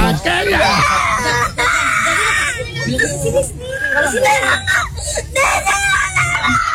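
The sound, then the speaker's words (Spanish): A young girl cries and screams loudly, high wailing bursts breaking into sobs and gasps, continuing almost without pause, with some background commotion. “¿Qué oye, pero llorando? ¡Duro!”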